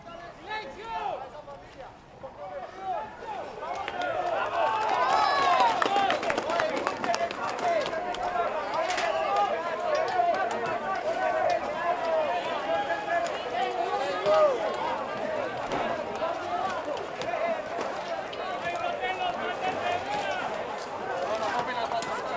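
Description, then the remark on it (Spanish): A crowd in loud commotion in Pereira, Colombia, the day after a magnitude 7.4 earthquake, where rescue teams are searching for survivors. Clapping and excited shouting voices blend into a dense, sustained roar that swells after a quieter start and stays strong throughout. “Revuelo, los aplausos, si se acuerdan, hace un instante conectábamos, estaban en silencio.”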